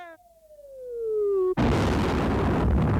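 A descending whistle grows louder for over a second, then a single loud explosion from shooting bursts and keeps roaring with dense, rumbling noise until the end. No voices.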